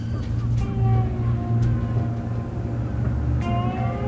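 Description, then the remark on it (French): A fishing boat's engine drones low and steady as it comes into port at the end of the day to dock and unload its catch, with faint, high, sweeping calls of following seagulls drifting over the rumble. “arrive en fin de journée, qui arrive dans le port, avec les mouettes, c'est très, très, presque cliché, mais avec les mouettes qui le suivent, qui rentrent dans le port, et le bateau qui vient et qui met à quai le temps de décharger sa pêche.”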